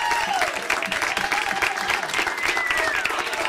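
Loud, sustained applause from a crowd, with dense rapid clapping that stays steady throughout, plus a few faint whistles or cheers rising above it.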